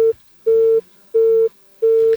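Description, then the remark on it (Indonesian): A steady phone busy tone beeps in regular on-off pulses as a listener's call to a radio program is cut off, about four short tones of equal length separated by brief silences, loud with no talking. “Terputus. Kuangkat mi lagi.”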